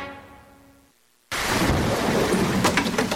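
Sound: thunderstorm with rain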